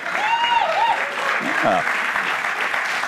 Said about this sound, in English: We're clapping for my tease.